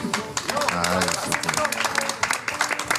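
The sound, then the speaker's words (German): An audience applauds with steady, dense clapping for about three seconds, while a voice talks over the applause. “Ich finde das auch einen Applaus wert.”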